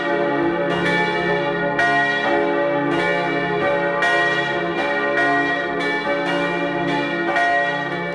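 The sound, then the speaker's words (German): The bells of the Church of St. Anthony in Mellau, in the Bregenzerwald, Vorarlberg, peal at 12 noon, several bells overlapping in a steady, loud ringing with rich sustained tones and regular strikes, no voices present. “Sie hören die Glocken der Kirche zum heiligen Antonius in Mellau in Vorarlberg.”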